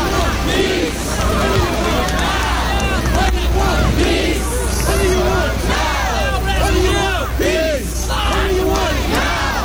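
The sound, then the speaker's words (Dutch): About 500,000 people at a March for Peace in New York on 12 June: a dense, continuous babble of many voices with shouts and calls rising above it, steady and loud throughout under a low rumble. “En op 12 juni lopen 500.000 mensen mee met een Mars voor Vrede in New York.”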